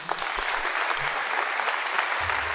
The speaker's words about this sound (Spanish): Un aplauso al Señor.